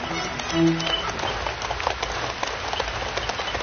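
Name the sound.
rain falling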